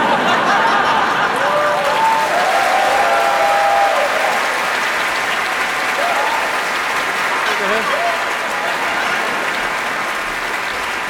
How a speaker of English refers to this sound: Right, but I mean, if you are giving us a lot of applause after we've played this, we might come back and do a second set. But otherwise, this is the end of the first set